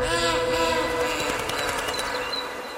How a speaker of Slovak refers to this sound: Vlak odišiel.